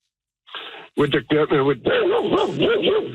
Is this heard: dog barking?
yes